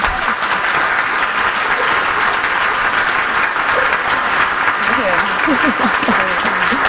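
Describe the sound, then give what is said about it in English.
Steady, loud applause from an audience fills the whole stretch, a dense wash of clapping with a few voices murmuring and calling out beneath it toward the end. “Wow, round of applause, guys.”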